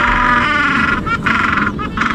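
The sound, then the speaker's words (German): A southeastern gentoo penguin, a newly identified species from the remote Kerguelen Islands, brays loudly, a harsh, buzzing, harmonic call broken by two brief catches before it carries on, like a donkey's honk. “Forschende haben auf den abgelegenen Kerguelen-Inseln nämlich eine neue Eselpinguinart entdeckt, den südöstlichen Eselpinguin.”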